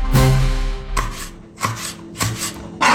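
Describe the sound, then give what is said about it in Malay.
A knife chops on a cutting board in about five sharp, loud knocks at a steady, unhurried rhythm, each with a brief woody ring, and no voices. “Talenan. Barang yang satu ini pasti ada di rumah kita.”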